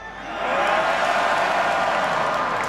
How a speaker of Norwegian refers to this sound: Jeg tror dere kan bedre enn det, så la oss gjøre det på den gode, gamle Bislett-måten. Kan jeg få høre et skikkelig Bislett-brøl?